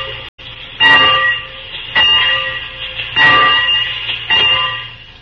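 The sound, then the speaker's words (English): A locomotive bell rings loud, four evenly spaced clangs about a second apart, each metallic tone lingering and fading into the next over a low steady rumble. “Oh, just ring the bell.”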